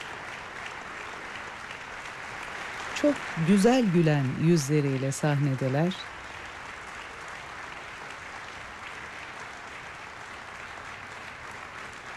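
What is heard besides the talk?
audience applause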